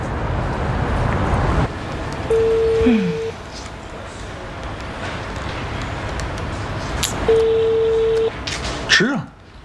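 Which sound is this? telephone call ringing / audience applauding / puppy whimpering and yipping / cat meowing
telephone call ringing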